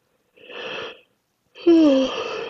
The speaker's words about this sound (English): Offering this prompt made me yawn. So notice if you're yawning, if saliva is gathering, or maybe your eyes are getting squinty.